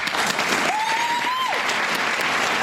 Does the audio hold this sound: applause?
yes